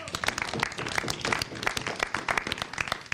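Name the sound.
audience applause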